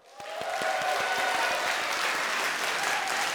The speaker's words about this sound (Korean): 재밌었죠? 네. 재밌었으니까 한 번 더 박수!